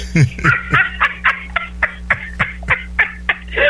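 Chickens in a chicken coop cluck in a quick, steady run of about a dozen short clucks, fairly loud, over a low constant hum with no talking.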